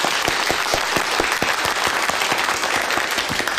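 A crowd claps steadily, welcoming a political commissar to give a pre-battle mobilization speech, a dense wash of overlapping hand claps with sharp individual slaps poking through, holding at an even, fairly loud level for a few seconds with no voices.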